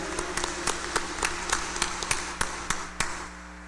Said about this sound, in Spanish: vamos a brindarle un fuerte aplauso.